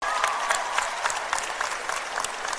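An audience applauds, a dense, steady wash of many hands clapping at an even loudness for a few seconds, with no voices standing out.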